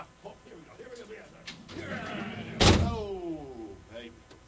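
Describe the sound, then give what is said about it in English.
A big, heavy door swings and slams shut with one loud booming impact, its metallic ring trailing off afterward, with faint muffled voices in the background. “Did you see the big ass door over there?”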